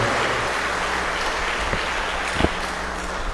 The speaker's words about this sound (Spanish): Regalémosle un fuerte aplauso a nuestra Madre Santísima, la Virgen María.